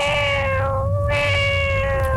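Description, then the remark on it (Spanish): A person imitates a cat with one long, drawn-out meow, held steady and loud, with no other sounds around it. “Y puedo imitar un gato.”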